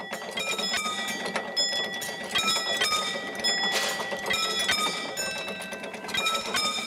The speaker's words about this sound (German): Da kommt auch schon der Ton und dann gehen wir jetzt die Schranken schließen. Heiligendamm ist der einzige Bahnhof auf der Molly-Strecke, wo sich zwei Züge treffen.